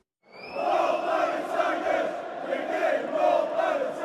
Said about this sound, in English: Hull City are back in the Premier League, and one chant that Tiger supporters have been doing for years is already getting under the skin of their rivals. It's even got a hand gesture which goes along with it.